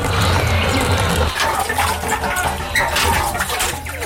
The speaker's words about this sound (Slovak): Ešte predtým, nech sa napijú vody zo studne.